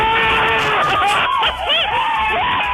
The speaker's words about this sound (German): Das wäre mal ein Jubel.